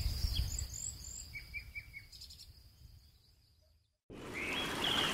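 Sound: birdsong at dawn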